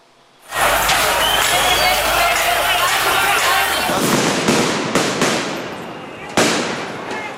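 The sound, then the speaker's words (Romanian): Firecrackers go off amid a loud, continuous crowd roar during violent street clashes in Belgrade, where groups of young people threw stones, bottles, firecrackers and flares toward gendarmes; a few sharp cracks in quick succession and then one louder bang, with shouting voices blended into the noisy street din. “Grupuri de tineri au incendiat tomberoane și au început să arunce cu tot ce au apucat, pietre, sticle, petarde și fumigene, toate în direcția jandarmilor.”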